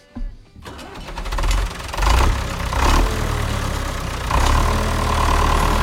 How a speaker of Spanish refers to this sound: y arrancamos el tractor.